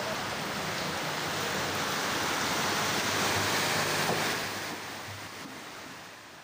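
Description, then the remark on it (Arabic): A steady, dense roar of rushing floodwater during a storm in the town of Salim fills the whole stretch, swelling slightly midway before easing off a little, with gusty wind noise mixed in and no voices. “طوفان بمدينة سليم”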